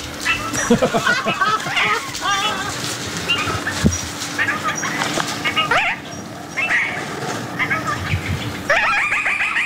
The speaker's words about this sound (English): The Antipodes Island Parakeet.